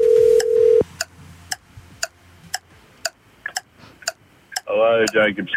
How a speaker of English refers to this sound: Now, yeah, we're calling someone now in Warilla, okay? Okay. If you're living in Warilla and you've registered for Origin or Bust, you've got 30 seconds to answer your phone right now.